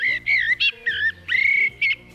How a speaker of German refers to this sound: Wollen wir noch einmal die Amsel hören?